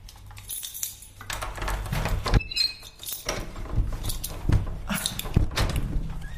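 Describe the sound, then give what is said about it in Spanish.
A stiff door to a fourth-floor apartment is wrestled open: a run of rattling, scraping and clunking knocks over several seconds, with sharp thuds and a metallic jangle in between. No one speaks. “Va fatal la puerta.”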